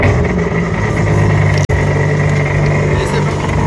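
A rented jet ski engine drones steadily and loudly at Cabourg in Calvados, France, as a first-time rider heads out toward the sea, a constant low rumble with a rough, humming tone that cuts out for an instant midway before resuming.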